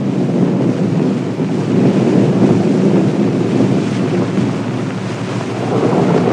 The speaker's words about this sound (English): And sure enough, the wind begins to blow. A spring storm is coming. Thunder showers often come up quite suddenly in the spring.